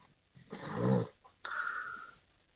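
A caller in Cleveland snores over a muffled, narrow phone line: a rough, rumbling snore followed by a thin whistling wheeze, moderately loud, with no one talking.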